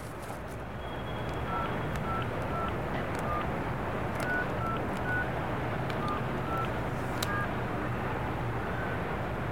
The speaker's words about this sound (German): Freizeichen. Sie scheint nicht zu Hause zu sein. Sie geht nicht ran.